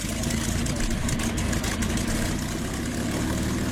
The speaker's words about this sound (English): And while that could be an old bomb of a car, it could be a tractor, it could be a motorbike, it could be the sound of a warbird plane. Actually, that one actually is the sound of a warbird.